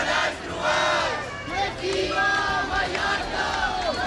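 A large crowd of thousands of protesters chants in unison in Palma, Mallorca, marching against mass tourism under the slogan 'Mallorca al límit', many voices rising and falling together in a loud, steady rhythm of shouted slogans over a constant roar.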